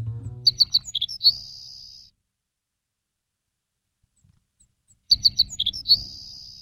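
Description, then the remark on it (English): A Savannah sparrow, about 5.5 inches long and migrating south in the fall, sings twice, each song a string of thin, high chips ending in a long insect-like buzz, with a quiet pause between the two songs and a low rumble underneath. “we're talking about sparrows that are headed south right now, and the Savannah sparrow is headed south.”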